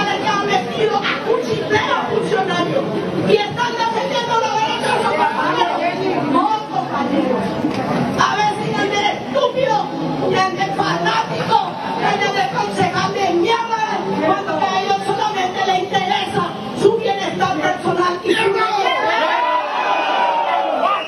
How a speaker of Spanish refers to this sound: La sesión que quedó sin quórum y con esto no se pudo tratar la aprobación del contrato colectivo. Hay mucha gritería, escuchemos un poquito el video.